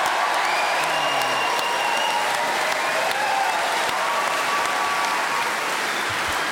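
An audience breaks into sustained, enthusiastic, overwhelming applause, a dense steady roar of clapping that holds strong for several seconds without pause, for a speaker who kept going for a full 60 seconds without hesitation, repetition or deviation.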